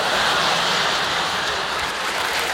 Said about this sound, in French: Je vais pour sortir. Je tire la chasse d'eau et là